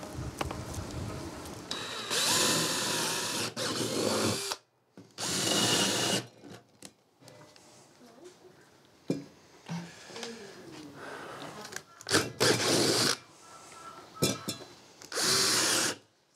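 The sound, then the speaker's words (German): A power drill whirs in several short, loud bursts, starting and stopping repeatedly as it bores holes to hold test tubes, with quieter handling noises and clatter between the runs. “Löcher bohren und dann die Reagenzgläschen rein, mit Wasser füllen, die ganzen Blumen schön stecken, dann die Wurzeln.”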